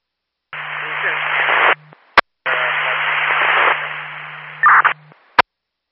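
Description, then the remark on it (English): Two bursts of hissing radio static, each about a second or two long, with a low steady hum underneath and sharp squelch clicks after each burst, like garbled transmissions on a dispatch channel. “All I copied was static, 12-5.”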